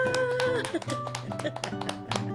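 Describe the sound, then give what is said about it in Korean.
A few people clap their hands in a loose, uneven burst of sharp slaps lasting a couple of seconds at a café in Gurye as siphon coffee is brewed, with voices and a steady tonal background underneath. “회장님 박수 쳐.”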